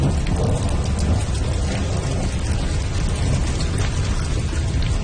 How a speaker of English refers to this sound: But by late evening on February 28, 2022, after weeks and weeks of non-stop wet weather, there's something different about the sound of the rain.